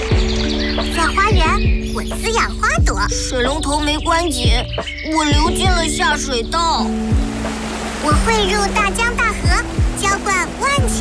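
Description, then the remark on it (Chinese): A clear stream flows steadily with a constant watery rush, while birds chirp and tweet over it and soft, sustained music plays underneath throughout. “我是一滴水， 我也是一滴水， 我来自清澈的小溪， 我来自洁净的水库。”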